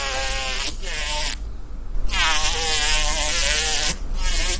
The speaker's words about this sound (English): You already know what hornets sound like.